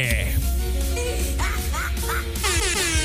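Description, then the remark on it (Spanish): A goose honks repeatedly, a rapid series of loud, nasal calls that overlap into a noisy, flock-like clamour over a steady background hum. “Es el ganso, mi querida.”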